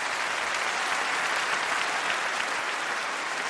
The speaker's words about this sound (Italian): Questo applauso è il senso più bello di questa serata.